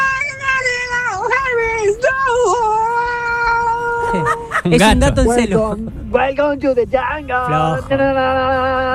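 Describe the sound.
A person yowls loudly in a drawn-out, wavering caterwaul, imitating a cat in heat, with rising and falling wails that break into rougher, choppier cries toward the end.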